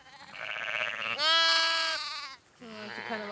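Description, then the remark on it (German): A newborn lamb bleats for its mother in three high, quavering cries, the middle one the loudest and longest, with a short pause before the last. “Doch heute entdeckt sie doch noch ein frisch geborenes Lamm, das nach seiner Mutter schreit.”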